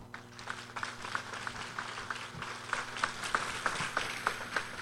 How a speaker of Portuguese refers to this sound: Vamos nos acolher calorosamente com uma salva de palmas.